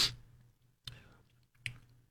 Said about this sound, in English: Apologize, sip of coffee.